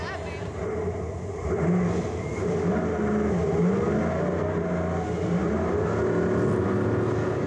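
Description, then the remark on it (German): Engines of ten monster trucks competing at a night event in a stadium rev loudly and continuously, a thick, growling roar whose pitch swells and dips, with muffled voices blended into the din. “Zehn Trucks treten in dieser Nacht gegeneinander an.”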